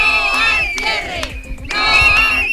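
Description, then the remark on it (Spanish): Schoolchildren and parents shout protest chants in unison in the schoolyards in Toreno and Carucedo against cuts by the Junta as classes begin. The chanting is loud and sustained, with a brief lull in the middle before the voices surge again. “Con estos gritos han comenzado las clases en los dos colegios.”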